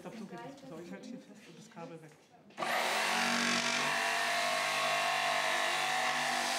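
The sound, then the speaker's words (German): A man talks briefly, then an electric circular saw abruptly spins up and runs at full volume, a loud, steady, whining roar that continues without letting up until the end. “Und das Schöne an dieser Säge ist auch, die hat eine richtig schöne Schnitttiefe.”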